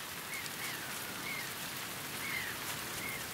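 rain falling

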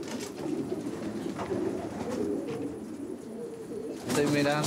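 pigeons cooing

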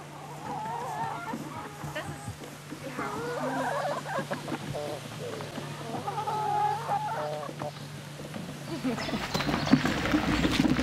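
chickens clucking

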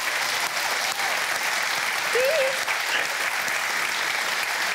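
studio audience applause

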